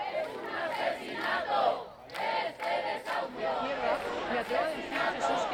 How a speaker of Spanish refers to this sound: Los gritos, las consignas que estamos escuchando ahora mismo en directo de toda esa gente.